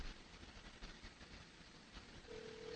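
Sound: telephone dial tone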